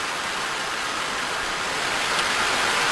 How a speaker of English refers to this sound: All right, this is great. This is a plane taking off from an aircraft carrier. So this is what they're putting out.